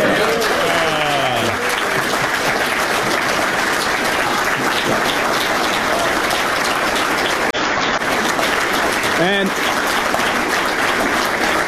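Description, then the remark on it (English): Sustained applause from a large audience of caucus members for Canadian Prime Minister Mark Carney, a dense steady crackle of many hands clapping at an even loudness throughout, with brief faint voices rising through it. “And they have the camera zoom out so you can see everybody that's clapping for him.”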